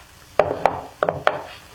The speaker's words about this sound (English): Then he got up. He took out his gun. Laid it on the table.